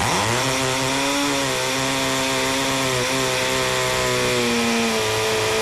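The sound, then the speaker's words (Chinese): A loud, continuous electric drill whir with a steady motor drone and a slight pitch dip midway, running uninterrupted for several seconds with no voices. “这个八十多分贝的蝉鸣声达到峰值的时候，它其实就相当于是持续的电钻声。”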